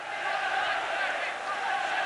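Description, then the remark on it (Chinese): A large stadium crowd of football fans roars and cheers continuously, a dense wash of many voices that stays loud and steady for the whole couple of seconds, with no single voice standing out. “是啊，球场上好多球迷的欢呼声，应该不是嘘声吧。”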